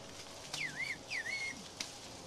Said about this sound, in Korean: 저쪽에서 휘파람으로 답변이 왔습니다. 뭐라고 했는지 알 것 같습니다.